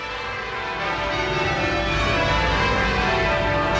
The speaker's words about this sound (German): Sind die nicht wunderschön? Ja, die Glocken von Westminster Abbey.